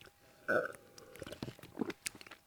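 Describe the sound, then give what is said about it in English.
A loud, exaggerated slurp of coffee into the mic, a brief sucking burst followed by a scatter of small wet mouth and swallowing clicks, with no talking. “Complete with exaggerated radio slurp, of course.”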